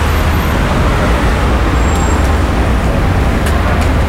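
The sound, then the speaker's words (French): Loud, continuous roar of road traffic from passing cars, a dense steady rumble with no pauses, with a few faint brief high-pitched squeaks near the end and no voices. “C'est soit les voitures, soit le train là pour vous.”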